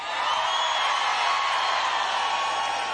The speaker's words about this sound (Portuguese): Estão prontos ou não? Façam barulho, Cascais!